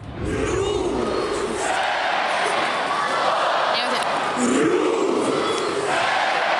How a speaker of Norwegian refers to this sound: Ja, hjemmefansen til Rosenborg, de har nemlig et helt spesielt heierop. I det her heieropet så delte de Rosenborg inn I tre stavelser, altså ro, sen, borg, som de roper ut mot banen.